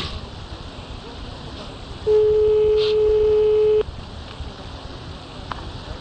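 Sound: telephone ringback tone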